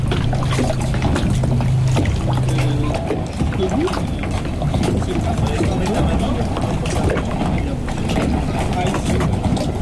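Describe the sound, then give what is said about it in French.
Water laps and splashes steadily with small waves on the Étang de Doul near the Sigean reserve, a continuous wash of irregular gurgles, with a low droning hum in the first few seconds. “L'ambiance du clapotis de l'eau et des vaguelettes.”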